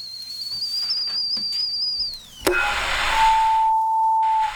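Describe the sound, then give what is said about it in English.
A kettle whistles with a steady, piercing high tone that slides downward, then gives way to a rush of hissing steam and a lower, sustained whistle. No voices are heard. “The kettle's on.”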